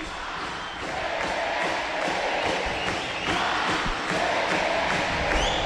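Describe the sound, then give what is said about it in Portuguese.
A large crowd of ACBF supporters chants their club's cry together in a stadium, a loud, dense roar of voices with rhythmic swells, sustained throughout without pause. “É o grito da torcida da ACBF.”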